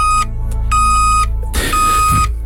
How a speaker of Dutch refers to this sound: Een achteruitrijdende auto.